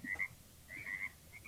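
Frogs croak in short, raspy bursts, a pair of calls followed by a longer trill and fainter ones, set against a soft, steady nighttime ambience with no voices.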